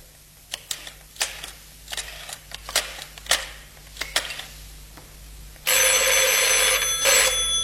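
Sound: telephone ringing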